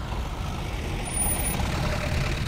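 A motor vehicle rumbles with a steady low engine drone and broad road noise, growing slightly louder partway through as it moves past. No voices.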